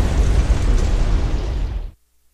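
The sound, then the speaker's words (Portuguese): A drone strike explosion on the North Bridge over the Dnipro River in Kyiv, Ukraine, with cars on the bridge: a loud, deep rumbling roar of blast noise that holds for about two seconds, then cuts off abruptly into silence. No voices. “Há carros na ponte sobre o Rio de Dnipro quando o drone chega.”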